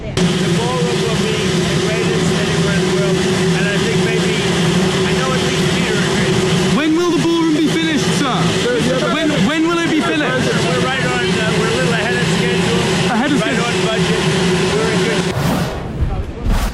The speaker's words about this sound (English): Shall we have a little listen? It's quite hard to hear. The helicopter was raring and the noise was loud, but let's listen in.